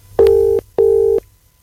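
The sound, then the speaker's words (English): A telephone ringing tone on an outgoing call placed by a Q Radio presenter to give away a pair of tickets: one double burst of steady electronic tone, two pulses in quick succession, then silence. Clear and fairly loud, with no voices. “Come on, come on, please answer your phone.”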